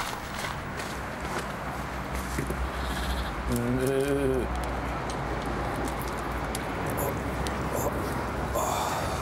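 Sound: sheep bleating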